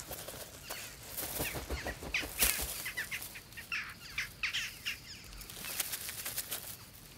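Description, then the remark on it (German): Jackdaws squabble, harsh bursts of calls mixed with repeated flurries of flapping wings, busy and irregular throughout with no voices. “Und gestritten wird anscheinend nicht nur mit den Falken.”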